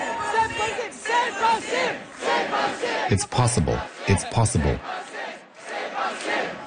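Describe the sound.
A large crowd chants the French slogan "C'est possible" in unison, repeating it rhythmically with loud, sharp bursts of voices in the middle, filling the space with a steady, energetic cadence.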